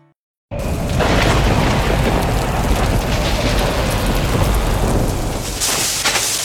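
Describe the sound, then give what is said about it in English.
A heavy thunderstorm roars in right away, dense rain pouring steadily while low rumbling thunder rolls underneath, loud throughout with no voices. “If you heard that recently, don't ignore it today. Hail can bruise shingles, wind can lift tabs, and falling tree limbs can crack or even punch through your roof.”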